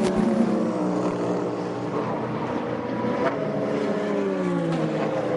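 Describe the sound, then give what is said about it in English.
Loud, continuous roar of LMP2 race car engines, with harmonics that rise and fall in pitch as several cars sweep past on a track. No one speaks. “Love these cars, they're just fantastic to watch.”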